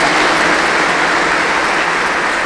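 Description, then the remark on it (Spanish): A crowd applauds for a young married couple, a dense, even wash of many hands clapping at once that stays loud throughout with no voices breaking through. “Así que un aplauso para ellos, jóvenes, que le han dicho sí también a la vocación del matrimonio.”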